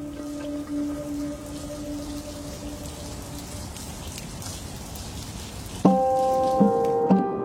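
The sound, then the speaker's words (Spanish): Heavy rain pours down in a dense, steady hiss throughout, with low sustained musical tones humming underneath and a brighter chord swelling in near the end. “En medio de la lluvia ensordecedora y las habitaciones llenas de nubes, la vida late con ingenio y resistencia.”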